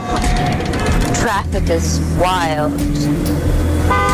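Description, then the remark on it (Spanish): Car horns honk over a steady roar of city traffic in Barcelona, with several sustained and bending tones rising above the constant engine rumble. “Traffic is wild.”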